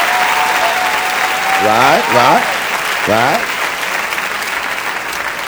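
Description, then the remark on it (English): Steady audience applause for a speaker's 42nd birthday fills the whole stretch, a dense crackle of many hands clapping at once, while a single voice briefly speaks over it. “I just celebrated my 42nd birthday. Clap for me.”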